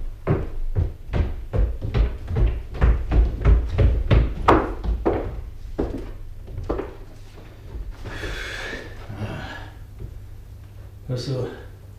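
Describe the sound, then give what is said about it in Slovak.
A quick run of wooden thumps gives way to a rough scraping creak as a trapdoor leading up to the roof is pushed open, followed by a brief second scrape, with faint voices in the background. “To sú padacie dvere. Vedú na strechu.”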